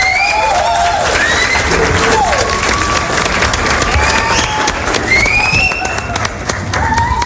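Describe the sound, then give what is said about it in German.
Dense, steady applause from a crowd fills the whole clip, with many overlapping claps, rising whistles and cheering voices on top, loud throughout. “Und dann einen Applaus.”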